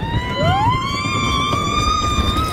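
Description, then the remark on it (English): A crowd of riders screams on the 99-year-old Cyclone roller coaster at Coney Island, New York: one long high-pitched wail that rises and holds for a couple of seconds over a steady low rumble. No one speaks. “That is the sound of people enjoying the Coney Island cyclone, which is 99 years old this weekend.”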